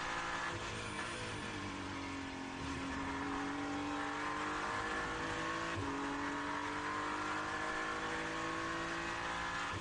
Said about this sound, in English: Hypercar coming past Dan Harper as he just lifts for a moment and allows the car to go back.